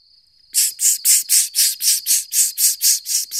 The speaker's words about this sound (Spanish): ¿qué es eso? ¡Ah! ¡La cigarra! ¡Una cigarra!